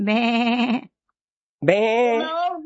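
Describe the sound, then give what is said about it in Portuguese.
A human voice imitates a sheep, giving two wavering, nasal bleats separated by a brief pause of silence. “Isso, ovelha.”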